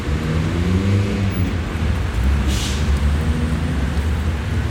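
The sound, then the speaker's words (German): Busy city street traffic in front of Berlin's main railway station, between traffic lanes and tram tracks, a dense, continuous roar of engines and road noise with a deep idling drone and a brief airy hiss midway; no one speaks. “Vor dem Berliner Hauptbahnhof zwischen Fahrstreifen und Straßenbahnschienen beobachtet Polizeihauptkommissar Müller den Verkehr”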